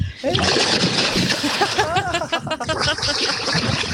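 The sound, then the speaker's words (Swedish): A person jumps into 13-degree lake water at Tenniskröket in Härjedalen, Sweden, with a big splash, followed by continuous churning and sloshing as the water is thrashed about, while voices cry out excitedly over it. “Nu plaskar jag.”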